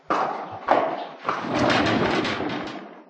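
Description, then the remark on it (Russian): Horse hooves clip-clop in a few uneven knocks over a dense, scratchy rustle, moderately loud, with no one speaking: a horse loaded with game carries its rider back from hunting on the prairie. “Ничего не подозревая, я возвращался на лошади, нагруженной дичью.”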